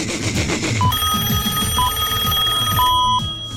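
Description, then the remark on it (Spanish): A phone line ringing back on an outgoing call, with three short electronic tones repeating at a steady interval over a constant, busy background hum. “Lo voy a llamar por teléfono porque es la única manera de despertarlo”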